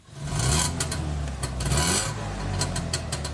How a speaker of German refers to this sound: So klingt der Trabi der Familie Wöhlbier.